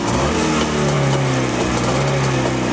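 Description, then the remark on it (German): A vintage motorcycle engine, just started after its carburetor was flooded to give it more fuel, idles steadily, a loud, continuous buzzing drone with a low harmonic hum that stays even across the whole few seconds, with no voices over it. “Dann dürfte er eigentlich laufen. Boah. Da ist er da. Wunderbar.”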